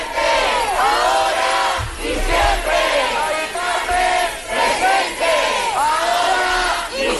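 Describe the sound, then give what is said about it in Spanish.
A large crowd of protesters chants the slogan "Mari Carmen presente, ahora y siempre" in unison while marching toward the Congreso de los Diputados, loud and rhythmic, with repeated rising and falling vocal phrases over a steady roar of voices. “Mari Carmen presente, ahora y siempre, con ese grito, con esa reivindicación, entre otras, marchaban hacia el Congreso.”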